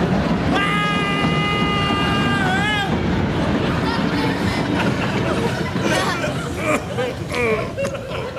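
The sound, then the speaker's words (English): A steam train thunders past overhead, its shrill whistle blowing for a couple of seconds before giving way to loud, continuous rumbling and clattering that fills the rest of the moment. “the train's coming, sir. The train's coming.”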